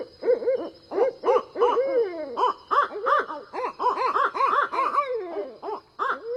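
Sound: owl hooting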